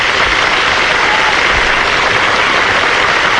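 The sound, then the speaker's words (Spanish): Loud, steady applause from a crowd for a fellow singer the performer has recorded with, a dense wash of clapping that holds at the same level for several seconds with no voices over it. “Y tuve la dicha de por fin se logró eso que yo quería, y era grabar, como lo hice con …, también con mi colega, y quiero que me le den un fuerte aplauso.”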